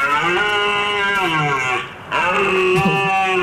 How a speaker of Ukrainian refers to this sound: І, власне, звук оленя сьогодні треба буде повторити. Давайте послухаємо, як він звучить. Будь ласка.